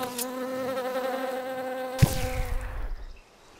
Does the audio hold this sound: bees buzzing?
yes